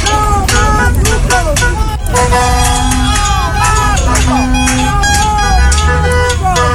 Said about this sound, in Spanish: Esta protesta incluyó el incendio de neumáticos, o más bien el encendido de neumáticos, y también cacerolazos, los que fueron acompañados por bocinazos de los conductores de vehículos que circulaban por el sector.